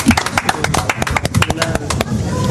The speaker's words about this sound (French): Sur Sud Radio, je vous applaudis très merci. Fort. Vous pouvez vous applaudir.